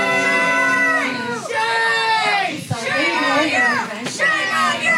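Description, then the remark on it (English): An angry crowd shouts and jeers at a Clearfield County commissioners' meeting after a 2-1 vote approving a contract extension with ICE for an immigration detention center, yelling "Shame on you! Cowards!", many raised voices overlapping in a loud, continuous din with brief dips before the yelling swells again. “The crowd in the room quickly reacted.”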